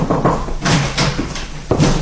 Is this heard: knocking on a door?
yes